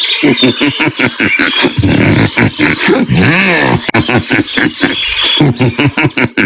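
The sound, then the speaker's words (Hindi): A loud elephant wandering about roars and grunts in a rapid series of bursts, then lets out a long rising and falling trumpet before more rumbling calls, unaccompanied by any voices. “हाथी इधर उधर घूम रहा था।”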